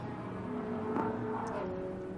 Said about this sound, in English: Safety car one coming through turn eight at the moment.